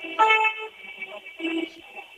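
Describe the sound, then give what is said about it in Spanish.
Car horns honk in a street, two blaring, buzzy bursts with a steady harmonic tone, the first longer, the second shorter, over a low hum of traffic. “Ahora con ruido ambiente, sonido ambiente, coches pitando.”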